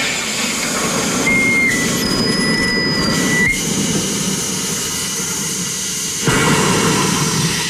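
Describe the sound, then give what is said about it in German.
A home soda maker carbonates a water bottle as a lever on the machine is pressed: a loud, steady rushing hiss with a low rumble underneath and thin whistling tones, shifting slightly in level toward the end. No one speaks. “Und dann muss ich hier einen Hebel betätigen.”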